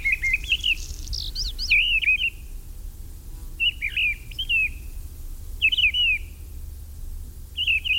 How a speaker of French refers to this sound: Maintenant, c'est le rouge queue noir qu'on entend, qui se pose souvent près des maisons, sur les antennes téléphoniques, avec son chant grinçant, bien caractéristique.